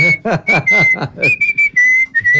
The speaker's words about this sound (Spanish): Pero espere, o sea, todo bien que el abuelo silbe boleros, pero qué pereza no tener que esperar hasta que silbe todo el bolero. No, pero así, largo ya.